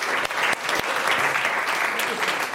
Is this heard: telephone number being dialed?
no